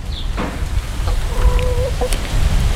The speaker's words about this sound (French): Ouais, je crois qu'elles essayent de nous dire quelque chose. Ah, mais c'est peut-être ça. Elle nous envoie. Bonjour. Les poules nous font signe